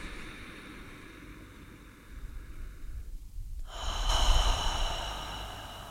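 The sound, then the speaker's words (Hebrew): Slow, deep breathing during a guided breathing exercise: a long airy inhale followed by a fuller, louder exhale, with no talking. “אז כמה נשימות לשם?”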